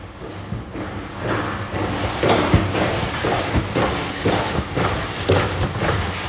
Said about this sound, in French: Vous avez entendu le bruit de mes pas, sauf qu'on est dans une galerie, donc le bruit rebondit sur les bords de la paroi. Donc c'est un bruit que vous ne pouvez pas avoir à l'extérieur